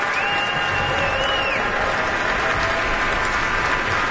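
Sustained applause from a large audience in a hall, a dense, steady wash of clapping at full volume throughout, with a faint murmur of voices beneath it.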